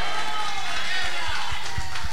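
An audience applauds in a steady, dense wash of clapping that holds at an even loudness throughout, with a few heavier low thumps scattered through it.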